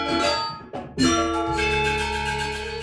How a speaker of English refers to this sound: Gong is a very important instrument in the ensemble, and as they developed that way of making beautiful sounding gongs with a deep, rich tone and other instruments too, gradually over many centuries, they formed these big ensembles